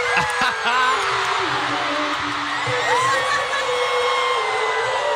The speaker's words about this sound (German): Und natürlich, das Publikum ist ausgeflippt, alle haben mitgeschrien.